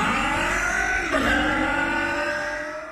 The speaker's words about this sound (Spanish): Para que tu auto suene así, limpia inyectores de Bardal. Con inyectores limpios, el auto anda mejor y ahorras combustible.